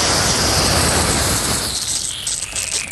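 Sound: garden hose spraying water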